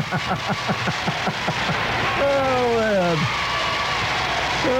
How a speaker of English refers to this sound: Let's give Anglis a cheer.